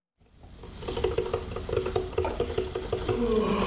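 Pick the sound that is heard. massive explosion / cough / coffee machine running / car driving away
coffee machine running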